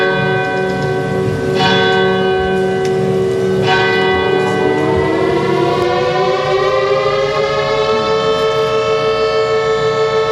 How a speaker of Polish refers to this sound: Zabrzmiały syreny, odśpiewano hymn, podniesiono flagę, a pamięć poległych uczczono apelem poległych i salwą armatnią.